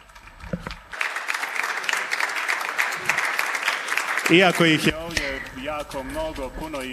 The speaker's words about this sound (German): Und nun geben wir Ihnen einen Applaus.